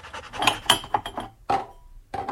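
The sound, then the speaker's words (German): Cups and dishes clink and clatter while coffee is being made, in an irregular flurry of sharp, ringing knocks, then a brief pause and a couple more clinks, with no one speaking. “Wir machen uns erstmal einen Kaffee, würde ich sagen.”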